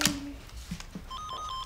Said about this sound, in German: Oma, Telefon klingelt.